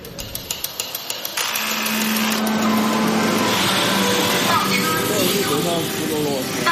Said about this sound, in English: Chinese factories echo with a rhythm created by both man and machine. There are even robots to transport goods around the building, and they don't stop talking.